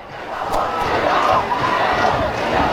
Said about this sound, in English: You can hear the East Valley student section from all the way across the field on our crowd microphone. They are psyched.